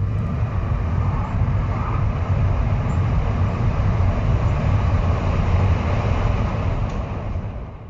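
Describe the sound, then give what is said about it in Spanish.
A motorcycle engine runs steadily and loudly, a continuous low, throaty rumble that holds for several seconds without talk before easing slightly at the very end. “empieza a sonar de nuevo la moto”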